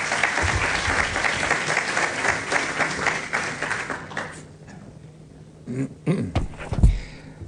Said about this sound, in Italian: E qui entra in gioco anche il Ministero del Turismo e chiamo sul palco e vi chiedo un altro applauso il Ministro Gianmarco Mazzi, grazie.